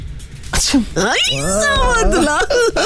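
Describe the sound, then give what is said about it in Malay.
A person vocally imitates a cat sneezing: a sharp breathy burst followed by drawn-out, wavering voiced sounds, fairly loud, with no actual words. “Kadang-kadang juga kita punya kucing yang bersin tu kan? Ya. Macam mana ditolong? Macam mana bunyinya tu?”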